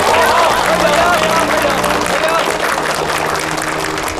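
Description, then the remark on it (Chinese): A room full of people clapping together to welcome two new colleagues, in sustained, dense applause that stays loud and steady throughout, with a faint murmur of voices mixed into the clatter. “大家掌声欢迎两位新同事加入。”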